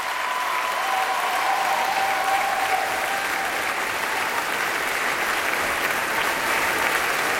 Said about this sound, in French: Et ici, tous les cuivres qui ont été particulièrement gâtés ce soir. Vous voyez que les cuivres sont extrêmement applaudis. Ils ont eu beaucoup à faire.